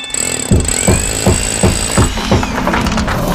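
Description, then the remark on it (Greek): Loud power tool and demolition noise from building work: a machine whines at a steady high pitch while heavy hammering strikes land in a fast, regular rhythm, with no voices. “Γκρεμίσματα, χτισήματα και κάθε είδους οικοδομικές εργασίες με επαγγελματική υπογραφή.”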